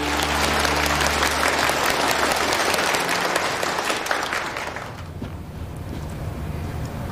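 An audience claps steadily in a dense, sustained burst of applause that holds loud for several seconds, then thins slightly toward the end, with no one speaking over it.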